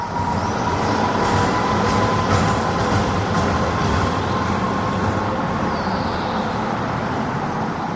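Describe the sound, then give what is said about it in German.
A tram in the city of Halle rumbles steadily as it turns a curve, with a thin, sustained metallic squeal riding over the noise, plus brief higher-pitched screeches of wheels grinding on the rails. No voices. “Also Halle, finde ich, klingt total nach um die Kurve fahrenden Straßenbahnen, die dabei ganz laut quietschen.”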